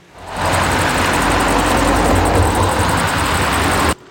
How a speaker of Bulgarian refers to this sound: Около 15.30 часа десетки коли напускат авиобазата. След наше запитване оттам казват, че това са част от служителите, приключили смяната си.